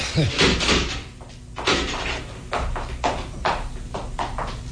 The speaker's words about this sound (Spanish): empujó con la fuerza de sus hombros y la pesada puerta se abrió.